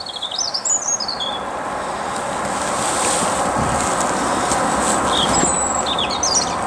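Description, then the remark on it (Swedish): A European robin sings high, thin warbling phrases in short bursts outdoors in spring in Langansböle, over a steady wash of wind and low rumbling background noise. “Det är en röd hake som sjunger.”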